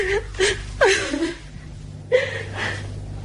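A woman with an injured shoulder whimpers and cries in a few short, broken sobs with wavering, falling pitch, fairly loud, separated by shaky breaths and a brief pause.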